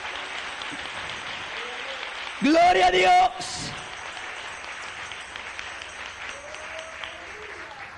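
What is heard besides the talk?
audience applause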